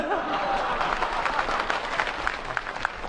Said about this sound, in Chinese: 掌声啊，我听出来了。 什么呀？ 大家还是比较喜欢我们俩的。哎呦喂， 牛哥心里真没数 啊。 什么叫喜欢我们俩呀？人家鼓掌是喜欢我们俩当中的一个。 哦， 对不对啊？ 大伙儿鼓掌是喜欢我们俩当中的一个。